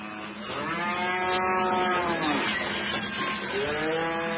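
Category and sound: animal, buffalo lowing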